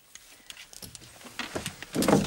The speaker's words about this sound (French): Ah! J'ai cassé la chaise. Ça ne fait rien. Je vais la réparer.